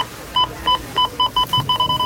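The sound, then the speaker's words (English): Checkout scanner beeps at a Rona store checkout during Rona Week, a string of short, sharp electronic bleeps at a steady bright pitch, coming faster and faster until they nearly run together. No one speaks. “You know it's Rona week when the checkout sounds like this.”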